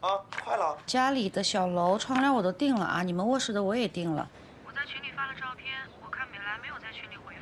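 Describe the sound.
A mobile phone rings with a loud, tuneful melodic ringtone for about four seconds, then stops, and a thin, muffled voice begins talking as if over a phone line.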